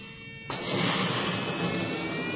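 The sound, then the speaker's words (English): A strong, steady rush of breath blown into a balloon by a person with their eyes closed, done for science, starts abruptly after a short pause and holds as a loud, hissing whoosh to the end, with no talking. “With my eyes closed, I begin to blow into a balloon.”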